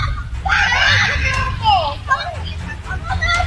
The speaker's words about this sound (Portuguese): Olha a bronca aí. O garoto gritando desesperado, caído no chão com a mulher.